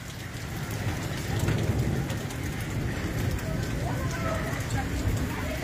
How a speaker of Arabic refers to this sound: هاي طبعا هاي البرد يوم نزل بالقدموس، ما شاء الله حبة برد بالقدموس اليوم ربع كيلو، مو ربع كيلو، والله ربع كيلو.